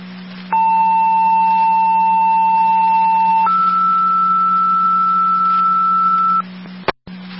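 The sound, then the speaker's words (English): Dispatch radio alert tones paging Southbound 4 for a driver needed for an EMS call on Piper Lane: a steady lower beep held for about three seconds, then a higher one for three more, over a constant low hum, ending in a sharp radio click. “Fair Control 2, Southbound 4, check to the tones, driver needed for the EMS,”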